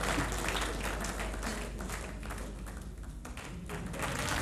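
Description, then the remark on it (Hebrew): An audience applauds steadily, a dense wash of many hands clapping at an even, fairly loud level throughout, with occasional sharper claps and a faint murmur of voices beneath. “אנא אלי לפי קצב מחיאות הכפיים שלכם.”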